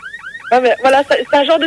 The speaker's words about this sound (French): Voilà, c'est un genre de sirène comme ça.